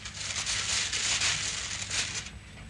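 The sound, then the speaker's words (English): Continuous papery crinkling and rustling for a few seconds, a dense crackle of thin brown paper being unwound from a small package box after breaking the string that tied on its label, steady in loudness with brief swells, no voices. “I broke the string that tied the label to the box and unwound the thin brown paper.”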